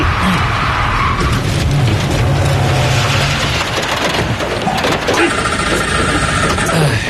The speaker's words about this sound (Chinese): 咋了？ 火狐熄火了。啊？ 哎呦！ 哎呀，车子还陷在泥坑里了。